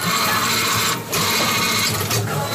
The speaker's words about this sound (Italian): Ma io uso l'app di Coripet sul telefono e il compattatore si attiva. Poi inserisco le bottiglie vuote in questo modo qua.